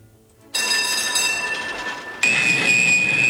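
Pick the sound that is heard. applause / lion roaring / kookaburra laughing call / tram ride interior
tram ride interior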